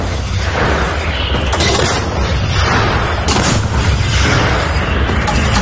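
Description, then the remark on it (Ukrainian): A heavy artillery gun at a firing position fires a series of shots in succession at a target, each blast loud with a rumbling low-end tail, sharp reports standing out near the 1.5, 3.3 and 5 second marks. “За першим пострілом другий, третій і четвертий. Постріл!”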